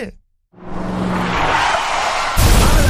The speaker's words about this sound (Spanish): Pobrecito. El gato chocador. Le chocó el carro al gato Félix.